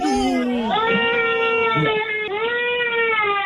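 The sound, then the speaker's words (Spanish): A little girl cries loudly in long, wailing sobs with a high, strained pitch, the sound rising and falling continuously with only a brief catch of breath midway. “¿Por qué llora la niña?”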